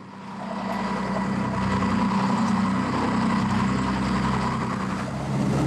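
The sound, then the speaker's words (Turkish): A loud, steady boat engine rumbles continuously during a boat trip, a deep low drone with a broad mechanical roar layered on top, unbroken throughout with no voices. “Kendi düşüncelerimi bile duyamıyorum. Aşağıdaki makine dairesine inme şansım yok.”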